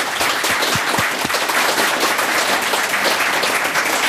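An audience at a Viking Age festival breaks into steady, loud applause for all the museum staff, a dense wash of many hands clapping that holds evenly for several seconds with no voices on top.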